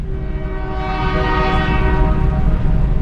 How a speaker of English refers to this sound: you went by train over the bridge. So it was always a working piece of equipment. And to this day, it still does. Granted, it's just hauling trash.